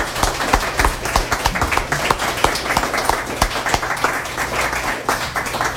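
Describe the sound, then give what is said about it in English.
People applauding steadily at a reading series, dense overlapping hand claps at a fairly loud, even level throughout, with no one speaking over it. “So give yourselves and everybody else another hand.”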